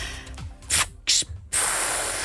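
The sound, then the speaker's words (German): A voice imitates the pneumatic hiss of a bus lowering itself: two short breathy hissing bursts, then a long, steady, loud hiss that runs to the end. “Ich würde auch noch mal so ein Geräusch machen, wenn sich der Bus abgesenkt hat.”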